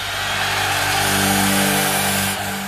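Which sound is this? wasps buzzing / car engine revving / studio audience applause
car engine revving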